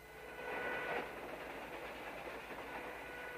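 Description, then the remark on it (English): A train carriage rolls steadily along the rails, a continuous rumble and rattle that swells briefly near the start, then holds at an even level with no voices. “Later, Rance to Hallie, riding in a train carriage.”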